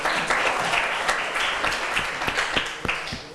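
A class of students in a school art lesson clap together, a dense, steady patter of many hands that holds for a few seconds at moderate loudness, with no voices standing out.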